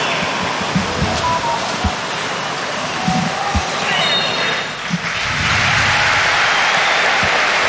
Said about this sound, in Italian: Applausi del Maradona in maglia azzurra